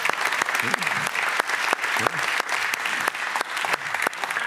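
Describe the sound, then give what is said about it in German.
A crowd claps steadily, a dense, loud wash of applause with sharp individual hand claps popping through, continuing without a break for several seconds. “dein Applaus.”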